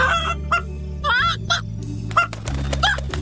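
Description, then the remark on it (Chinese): The cartoon chicken character Bugu Ji (布谷鸡) clucks in a string of short, bright bursts with irregular gaps, clear, over a steady low background hum. “布谷鸡找到小鸟好朋友了。”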